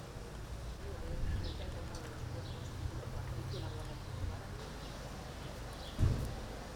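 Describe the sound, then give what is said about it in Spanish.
A hushed outdoor gathering in Dolores, Alicante, Spain, stands quietly during a minute of silence called by the town council: a low steady rumble of ambience, faint scattered bird chirps, occasional soft shuffles and murmurs, and a brief dull thump near the end. “minuto de silencio en Dolores, Alicante”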